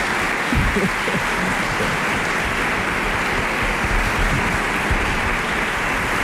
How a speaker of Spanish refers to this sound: Bueno, un aplauso, por favor.